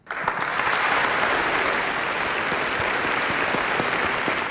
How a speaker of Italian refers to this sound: Beh, anche noi stiamo applaudendo qui in studio, insomma.